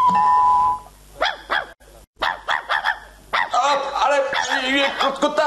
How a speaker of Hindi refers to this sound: अरे देखो तो, कौन है, क्या हुआ? ये कुत्ता तो सर दर्द बन गया, अब पता नहीं क्या हुआ।